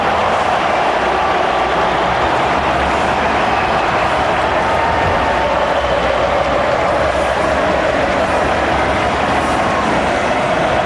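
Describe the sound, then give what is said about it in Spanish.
A loud, dense wash of stadium crowd noise, steady and unbroken, thousands of people applauding and cheering as Messi appears before Argentina's match against Jordan, with no single voice standing out. “Aparece Messi, se transforma en aplauso.”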